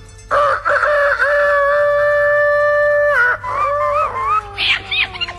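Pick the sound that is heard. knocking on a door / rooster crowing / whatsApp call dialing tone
rooster crowing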